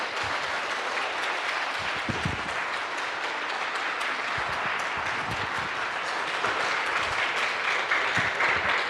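A large crowd claps warmly and steadily for about nine seconds to welcome Huang Chunming, a dense, even wash of many hands that neither swells nor fades, with no voices rising above it.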